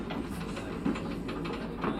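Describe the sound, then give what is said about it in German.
A train rumbles steadily along the rails in Russia in very cold weather, a continuous low mechanical roar with faint rhythmic clacks rising every half second or so, with no voices. “Ah, jetzt bin ich in einem Zug gelandet.”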